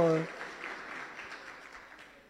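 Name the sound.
audience applause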